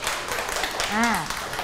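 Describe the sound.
A burst of hand clapping from a small group in a children's English alphabet lesson, praising a correct pick of the capital letter F, quick and uneven, with a voice briefly calling out over it partway through.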